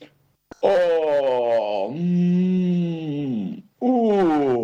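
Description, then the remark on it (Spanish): A human voice imitates the bear Óscar groaning as he stretches an arm or a paw and sways his head on waking from winter sleep in spring: a long, loud, drawn-out moan that sinks and wavers in pitch, followed after a short pause by another rising groan. “Exclamaba el oso, mientras estiraba un brazo, una pata o balanceaba la cabeza.”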